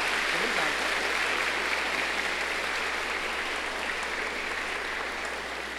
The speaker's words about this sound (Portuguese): Então, em nome dela e dos outros, nós vamos bater uma salva de palmas para eles.